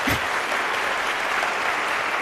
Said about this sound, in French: Bienvenue à vous qui nous écoutez sur les ondes de RTS Espace 2 et bonsoir à vous, cher public qui êtes venu assister à ce concert du trio …. Je vous propose de vous manifester à l'antenne en applaudissant par exemple.